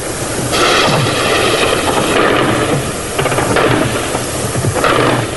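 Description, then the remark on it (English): Anti-aircraft machine guns on the tops of buildings fire tracer into the sky at the start of Operation Desert Storm, in loud, rapid, rattling bursts that run almost continuously, with sharper volleys breaking through a dense, hissing wash of noise. No voices are heard. “The sirens went off at 20 to 3, and even before that, the big machine guns on the tops of buildings around here were firing tracer into the sky.”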